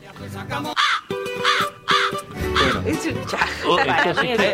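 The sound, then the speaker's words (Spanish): A bird calls out in loud, harsh, crow-like caws, repeated about three times in steady succession, with voices and a bit of laughter mixing in toward the end. “Escucha ese pájaro, ese vitucante.”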